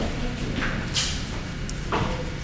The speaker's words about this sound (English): Let's open the door.